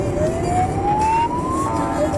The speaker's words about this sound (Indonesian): Di dalam mobil kita butuh konsentrasi. Kalau ada bunyi sirene kendaraan lain yang mau lewat, nanti tidak kedengeran.